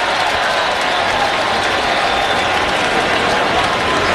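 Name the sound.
stadium crowd cheering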